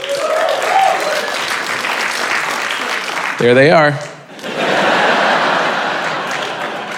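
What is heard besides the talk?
small audience clapping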